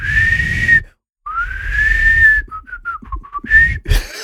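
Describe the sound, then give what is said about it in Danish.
A person whistles a wobbly, slightly off-pitch tune: a long sustained note, a pause, another long rising tone, then short choppy notes with breathy air and low rumble underneath. “Det lyder altid som om, det er sådan en fløjt, der ikke helt stemmer, når du gør det der værke.”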